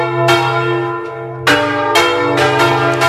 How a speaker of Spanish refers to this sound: Bueno, y mañana a las 10:30 de la mañana va a llegar el Papa Madrid. A esa hora doblarán las campanas de las iglesias, santuarios y parroquias de la diócesis de Plasencia.